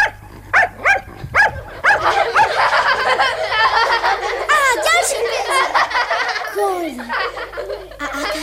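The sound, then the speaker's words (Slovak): A dog performing circus tricks for children lets out a few sharp, separate barks, then breaks into a long run of excited, rapid yaps and whines, loud, with a faint voice-like murmur underneath. “Nech nám Toc zatancuje. A nech sa hrá s loptou. Nezabudla ešte priskakovať obruč? Nič nezabudol, môj učený pes.”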